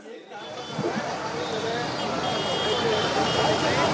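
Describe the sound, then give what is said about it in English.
Busy traffic at the Minto Bridge cut junction, with buses moving through and other vehicles rumbling steadily, a dense continuous roar that builds slightly, with indistinct voices mixed into the noise. “And these buses, one bus has already moved towards Minto Bridge. There are two others which are taking the Minto Bridge cut.”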